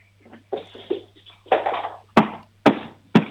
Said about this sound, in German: Jetzt gehst du mal zur Tür und klopfst mal so dagegen, dass wir es hören.